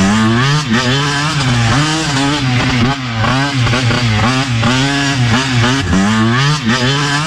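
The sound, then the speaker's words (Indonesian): Several motorcycle engines rev loudly and continuously during street racing, pitch rising and falling in repeated surges as the bikes accelerate, with no talking over the roar. “Dah pergi merempit lah.”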